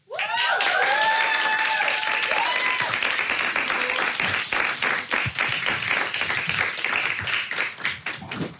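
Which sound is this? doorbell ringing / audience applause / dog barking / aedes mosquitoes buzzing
audience applause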